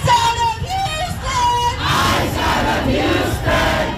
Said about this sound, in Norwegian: Ut av Houston og Texas roper demonstrantene, som har samlet seg i protest etter at Lorenzo Salgado Araujo ble skutt og drept av en ICE-betjent forrige uke.